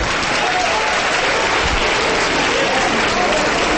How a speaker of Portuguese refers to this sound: Vamos aplaudir, vamos aplaudir. Aplaude, aplaude, porque aconteceu o maior milagre da terra.